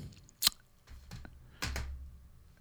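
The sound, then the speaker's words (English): A handful of sharp clicks from a computer keyboard, tapped at an uneven pace with short pauses between them, over a low background hum. “So I'm very distracted by trying to get this keyboard going.”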